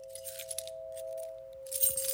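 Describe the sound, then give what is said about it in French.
Keys jangle and clink in scattered metallic bursts, growing louder and busier toward the end, over a steady mid-pitched electrical hum. No one speaks. “Les clés, tout partout, partout où vous allez, vous avez le bruit des clés.”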